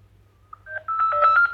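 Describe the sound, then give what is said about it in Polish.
A thin, beeping monophonic ringtone from a simple Sarzem mobile phone plays alone: a few spaced electronic notes step upward, then a fast run of pulsing tones darts between high and low pitches, trying to sound polyphonic with two voices. “Znaczy to były monofoniczne dzwonki, ale one próbowały być polifoniczne.”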